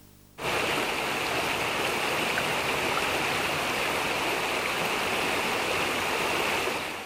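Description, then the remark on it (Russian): Steady, heavy rain pours down without a break, a dense, even hiss that starts abruptly and holds at a constant loudness throughout, with no voices. “Тогда представь, что бесконечный дождь смывает все краски.”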